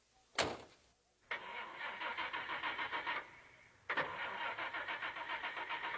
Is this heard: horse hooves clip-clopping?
no